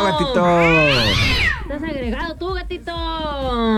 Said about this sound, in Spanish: Dice, el gatito, está peleando el gatito de su.